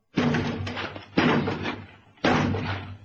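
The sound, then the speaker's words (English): Three heavy, booming blows strike a door at uneven intervals, each a loud thud with a rattling, resonant tail, as intruders outside try to batter the door open and break in. “One more and they'll be in.”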